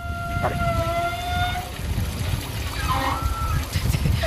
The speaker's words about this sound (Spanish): No, de los gimnasios. Como tiene muchas duchas, las tuberías son más anchas. Entonces cuando empieza a pasar el agua caliente, supongo que vibrará ahora algo del estilo y hace un sonido parecido.